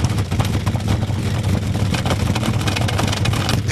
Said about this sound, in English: Okay. I can already tell the difference. Oh, my gosh. Dude. It sounds like a whoopee cushion is attached to your car.